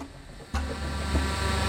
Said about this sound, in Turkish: Tamam, bir tentenin altındayım. Tepemden bir drone'un geçtiğini duyuyorum. İşte orada. Ters yöne doğru gidiyor.